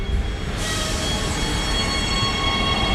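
A subway train rumbles steadily in a Brooklyn, New York station, its broad roar filling the space, with a bright high metallic whine rising after a moment as the cars move along the rails. No one speaks.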